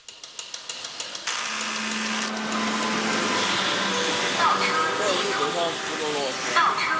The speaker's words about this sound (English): Chinese factories echo with a rhythm created by both man and machine. There are even robots to transport goods around the building, and they don't stop talking. I'm not sure if you can hear clearly behind me, but that is the sound of the swirling,